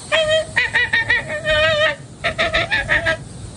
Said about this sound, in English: And the American flamingo.